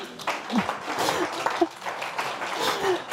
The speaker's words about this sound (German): Noch mal einen Applaus für deinen Frosch.